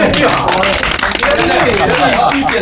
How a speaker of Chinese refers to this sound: 掌声这么热烈，只能通过。